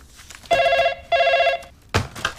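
Two steady electronic ringback tones of a phone call to someone's mother to invite her for a lunch of steamed buns sound in a row, each about half a second long with a short gap between, followed by a brief clatter as the line seems to pick up.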